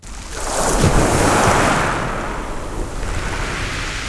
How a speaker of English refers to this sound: Here in Saint-Léonard-on-the-Sea, I recorded properly my first waves. And I'm amazed that waves, like air waves, produce traces in infinite ways. I'm on the edge of the shore, and I contemplate the infinite horizon, an horizon of wave traces.